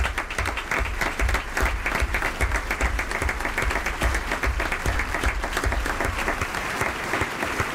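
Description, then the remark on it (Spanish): An audience applauds the cast of a performed story based on Cervantes' Don Quixote, many hands clapping in a dense, even patter that stays loud and sustained for several seconds with no voices standing out. “Aplauso para Pedro.”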